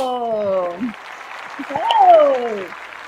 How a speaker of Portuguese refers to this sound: Vamos receber ele então, minha gente, com aquela calorosa salva de palmas